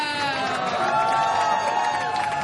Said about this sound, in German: Erstmal einen großen Applaus bitte